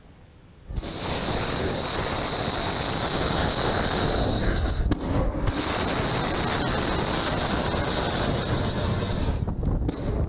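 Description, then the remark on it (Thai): A US military Tomahawk missile launches from a warship during strikes on Iran, with a sudden loud blast that becomes a steady, harsh roar of rushing noise with a thin high whine, holding unbroken to the end with no voices. “กองทัพสหรัฐเผยภาพการยิงขีปนาวุธโทมาฮอคจากเรือรบในปฏิบัติการโจมตีเพื่อป้องกันตนเองเป็นวันที่2นะครับ”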